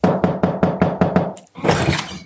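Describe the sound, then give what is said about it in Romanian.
Six firm, evenly spaced knocks on a door at the Sfântul Stelian kindergarten, fairly loud, followed after a brief pause by a burst of broad, rustling noise. “Dragii mei, sunt la grădinița Sfântul Stelian. Bat la ușă.”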